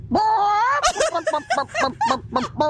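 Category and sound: vocal imitation, voice imitating a hen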